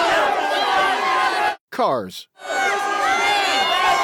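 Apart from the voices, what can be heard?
group of people yelling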